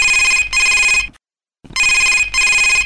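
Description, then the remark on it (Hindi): A loud telephone ring sounds in two double bursts, brr-brr, then a brief silence, then brr-brr again, clear with no one talking, as a listener's call comes in to a radio phone-in programme. “और घंटी के रिंग है तो अब्बड़ अकन बाजत हावे, तो चलो सुनथन कौन संगी के फोन पहली आवत है तेला।”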